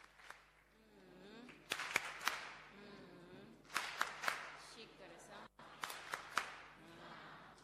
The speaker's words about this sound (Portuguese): Muito obrigada, Companhia Nacional de Música. Palmas carinhosas para os nossos meninos.